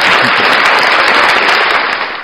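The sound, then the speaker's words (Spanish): A burst of loud, dense applause for an actor, many hands clapping in a steady crackling wash that holds for about two seconds before easing off slightly at the end. No voices are heard. “Aplausos para el actor.”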